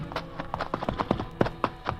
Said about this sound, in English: Martin, look out. It's a horse.